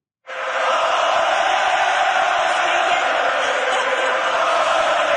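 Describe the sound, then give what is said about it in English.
A huge hockey crowd at the Bell Centre arena roars and cheers as the goalie is interviewed on the ice after making 26 saves, a dense, loud wall of voices that swells in almost immediately and holds steady, overwhelming, with no single speaker standing out. “After making 26 saves, the young Czech keeper was interviewed on the ice, but when he tried to answer the reporter's questions, the Bell Center crowd took over.”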